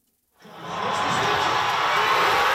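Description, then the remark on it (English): A large crowd of fans at a World Cup watch party in Toronto, during Canada's match against South Africa, erupts into loud, sustained cheering after a brief silence, a dense roar of shouts and whoops that holds steady without letting up. “At a watch party in Toronto, the crowd goes wild.”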